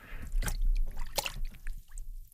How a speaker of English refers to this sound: So, okay, get yourself a tub of very cold water, like this one here. Lower your arm into it, like so.